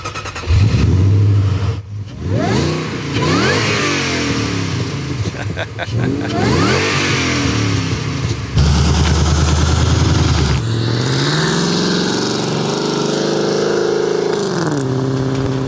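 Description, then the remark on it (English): A Sprint sports car with a rear wing and a loud, throaty aftermarket exhaust pulls away, revving hard in several rising bursts as it shifts through gears, the engine note prominent throughout. “Let's hear it as you drive off, mate.”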